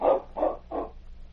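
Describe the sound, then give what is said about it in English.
The sled dogs of the outlaw Klondike's team, borrowed by Sergeant Preston to get to the Carver place, bark three times in quick, evenly spaced succession, moderately loud, with a low steady hum underneath and no one talking. “You won't be going anywhere for a while, Klondike, so I'm going to borrow your dog team. Come on, King.”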